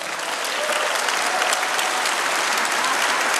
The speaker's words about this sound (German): Als Ursula von der Leyen verkündet, dass Kanada das erste assoziierte Mitglied der Europäischen Union werden soll, brandet Applaus auf im EU-Parlament.